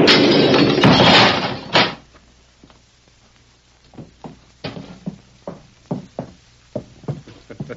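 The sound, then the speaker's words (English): A loud, roaring explosion sound effect in a Lone Ranger drama bursts for about two seconds and cuts off, followed by a string of sharp, irregular knocks and thuds that trail on with no one speaking. “I reckon that explosion finished him.”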